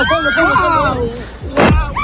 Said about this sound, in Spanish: Es el sonido de la explosión de los drones de Hezbollah que están explotando sobre una playa israelí.